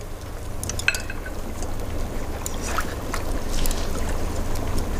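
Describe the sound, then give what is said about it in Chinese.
A steady bubbling and simmering of liquid in a 500-watt electric hot pot for instant-boiled lamb nearing a boil, with a low hum underneath and small pops scattered throughout, no voices. “锅都快开了，赶紧下菜吧。”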